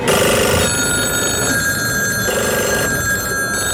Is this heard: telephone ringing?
yes